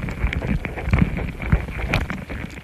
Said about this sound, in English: Sound engineer Stephen Frost laid the mics next to their nest. The ants are investigating these foreign objects. Some are even biting them. That's what these louder popping noises are. Ant mandibles, chewing on a microphone.